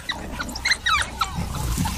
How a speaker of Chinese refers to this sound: 非洲野犬还在威吓斑鬣狗，斑鬣狗在车下面，它躲到车下了。